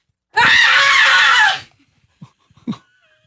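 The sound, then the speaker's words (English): A person reenacts a visceral scream, loud and harsh, lasting just over a second and strained, followed by a couple of short breathy sounds and faint murmurs. “You want an example of the scream or the story of the person?”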